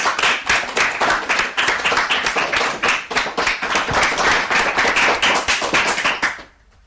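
A crowd applauds with steady, dense clapping for several seconds, fairly close and loud, then the applause cuts off abruptly near the end. No one speaks.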